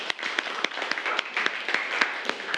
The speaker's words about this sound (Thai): โอเคปรบมือให้เพื่อนหน่อยครับ